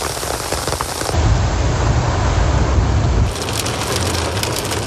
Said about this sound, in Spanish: Una fuerte lluvia acompañada de granizo sorprendió a Quito la tarde de este domingo.